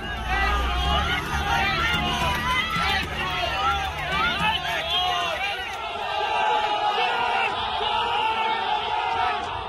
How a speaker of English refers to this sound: Eggs were hurled, stones thrown. Angry protesters shouted "Chor Chor" as security personnel scrambled to shield the Trinamool leader.